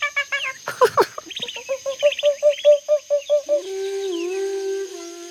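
In a forest where it rains a lot, birds call in a quick run of repeated harmonic chirps, settling into an even rhythm, then one holds a long, steady whistle with a slight waver, over a thin high hum.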